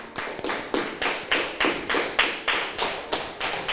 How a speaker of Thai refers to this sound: ปรบมือให้กับทุกกลุ่มเลยค่ะ